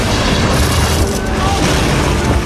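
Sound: bomb explosion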